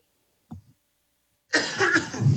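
A short cough bursts out after a moment of near silence, loud and breathy, with no one speaking.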